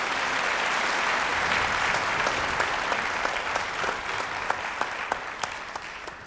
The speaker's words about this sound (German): Und in diesem Sinne nochmal ganz, ganz herzlichen und einen großen Applaus, herzlichen Dank und einen großen Applaus für die Musikerinnen und Musiker von L'Arte del Mondo